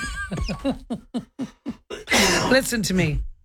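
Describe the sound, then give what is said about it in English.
A person coughs in a quick run of short, raspy bursts, then breaks into a longer, harsh coughing and throat-clearing fit, fairly loud with no talking. “I swear it's that seat, because when you were here one day, I was coughing and couldn't even talk.”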